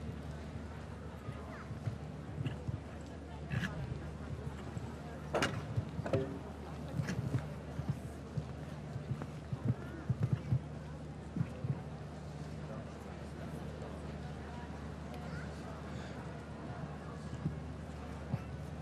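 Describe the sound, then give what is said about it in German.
Muffled hoofbeats of a show-jumping horse galloping in toward an oxer thud irregularly over a steady low hum and broad background noise, with a few sharper knocks standing out in the middle stretch. “Aber sie hat reiterlich sich noch einmal enorm entwickelt, auch wenn sie hier die nicht ganz optimale, passende Absprungdistanz zum Oxer bekam und das Pferd etwas zu dicht herangaloppiert kam.”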